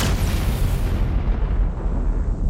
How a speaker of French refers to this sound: Et boum ! C'est c'est le Big Bang. C'est vrai que Big Bang, ça fait pas très sérieux. Si on traduit en français, ça donnerait le grand boom. Mais l'idée, c'est que tout a commencé par une explosion énorme et pas par un petit pchit cosmique.